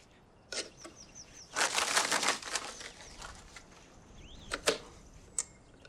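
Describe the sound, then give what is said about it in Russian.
A bird flaps its wings in a frantic, rustling flurry of quick beats as young pioneers torment it, with a few sharp isolated flaps before and after and faint high chirps, no talking. “Пионеры, а мучаете птицу.”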